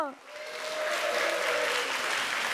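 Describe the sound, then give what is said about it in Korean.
A voice trails off at the start, then audience applause welcoming the Chumbit dance troupe (춤빛 무용단) and the Sori Soeum friends swells into a dense, steady clatter of many hands clapping that stays loud to the end, with a faint tonal hum underneath. “끝까지 함께해 주셔서 감사드리며 큰 박수로 춤빛 무용단과 소리 소음 친구들을 맞이해 주세요.”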